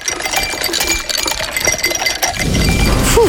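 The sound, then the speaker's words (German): Bright, irregular clinks and taps of ice cubes knocking against a glass, fairly loud, followed by a low rushing wash near the end. “kannst du die Eiswürfel bitte nochmal?”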